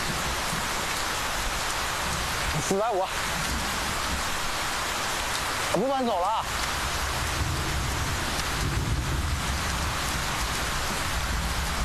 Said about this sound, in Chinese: 下这么大雨，站在那里有毛病啊！